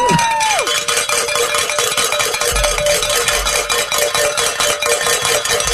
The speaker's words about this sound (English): Grab that bell!